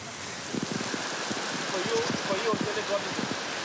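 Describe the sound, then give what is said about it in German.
Heavy tropical rain pours down on Grenada in a dense, steady hiss during an outdoor hash run party, with indistinct voices murmuring underneath. “Der heftige Regen kann die Party nicht trüben im tropischen Grenada.”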